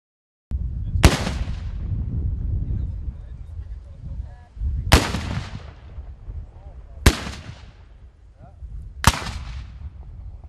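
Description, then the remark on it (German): Four booming black powder salute cannon shots fire at irregular intervals, each a sharp loud blast with a rolling decay, over a low outdoor rumble and faint honking in the background, at the gathering of the Association of German Black Powder Cannoneers at the Königspfalz Tilleda. “Das Böllerschützentreffen des Verbandes der deutschen Schwarzpulverkanoniere vom 19. bis 21. August auf der Königspfalz Tilleda war gleichzeitig Jubiläum und Premiere.”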